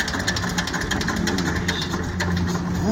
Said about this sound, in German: Also, das ist hier ein leibhaftiger Trecker, Stammrequisit auf dem Hermannshof.